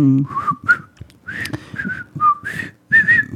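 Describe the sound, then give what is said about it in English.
Someone whistles a bouncy, TV-style theme melody up close, clear and fairly loud, in short phrases of sliding notes separated by brief pauses, with no talking. “Now take down your fishing pole and meet me at the fishing hole.”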